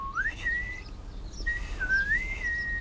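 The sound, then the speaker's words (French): Someone whistles two clear, rising and gliding phrases, steady, in reply to a small blue, yellow-bellied tit, whose faint chirp is heard in the background; no one speaks. “Tout doux lui répond en sifflant.”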